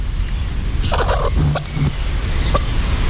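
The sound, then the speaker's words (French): A hen gives a short burst of clucking calls, a few quick throaty notes against steady low outdoor rumble, with no one speaking. “Je crois qu'il y a une des poules qui essaye de nous montrer une direction.”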